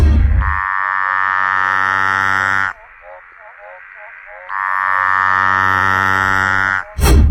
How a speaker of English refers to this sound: Okay, this one's definitely one of the Latoria frogs. Mm-hmm. So a tree frog-based frog. I want to say it might be a Centralian tree frog. It might not be that.